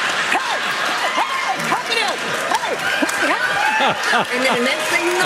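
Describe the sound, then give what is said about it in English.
Hand claps from a side-to-side step clap ring out amid a lively room full of voices, with several people talking, calling out and laughing over the top, the clapping partly buried in the chatter. “And you side-to-side step clap with me.”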